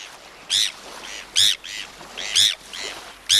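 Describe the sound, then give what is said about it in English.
Bonaparte's gull calls: harsh, rasping cries repeated about once a second, with fainter answering calls in between, over a soft, steady background hiss. “Bonapartes find food in several ways, but not by picking through trash.”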